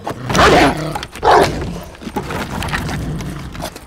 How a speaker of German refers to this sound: Der Hund schlägt an.